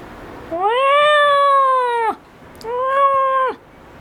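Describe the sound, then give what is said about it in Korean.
A large, sturdily built cat named Doryeonnim meows twice, loud: a long drawn-out cry lasting over a second, then a slightly shorter one after a brief pause, both steady and tonal. “도련님은 기골장대한 덩치와는 다르게 옷깃을 구르는 듯한 소리로 울었다. 어쩐지 고양이 같지 않은 소리였지만.”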